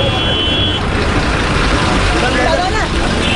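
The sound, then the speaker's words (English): A loud, steady rumble of a moving bus engine fills the scene amid dense street traffic, with faint high beeping tones and muffled voices blending into the noisy roadside din. “I jumped onto a moving bus and escaped.”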